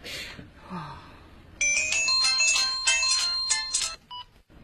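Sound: phone ringtone ringing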